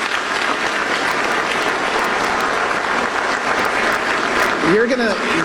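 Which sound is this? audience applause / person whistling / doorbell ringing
audience applause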